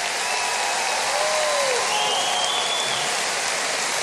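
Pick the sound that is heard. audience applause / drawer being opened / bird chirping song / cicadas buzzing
audience applause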